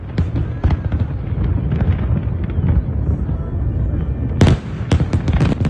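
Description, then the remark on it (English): Fireworks at the Brooklyn Bridge in New York City explode in a dense, continuous barrage, deep booms overlapping with sharp cracks, building to a loud cluster of bright bursts near the end. Faint crowd voices may sit underneath. “We're watching the Brooklyn Bridge, New York City fireworks.”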